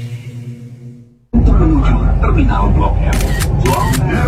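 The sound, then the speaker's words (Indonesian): A camera shutter snaps a few times in quick succession as someone photographs a person with their feet up on the MRT, sharp bright clicks cutting through a steady rumble of background noise, with people talking throughout after a brief musical tone at the start. “Lu lagi ngefoto apaan sih?”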